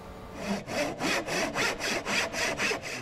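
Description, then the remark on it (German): A hand saw rasps steadily through wood in quick, even back-and-forth strokes, about eight of them, clear with no talking, as a 26-year-old apprentice demonstrates how to handle the saw. “Heute zeigt der 26-Jährige, einer der beiden Auszubildenden, den Umgang mit der Säge. Mach mal die andere Seite.”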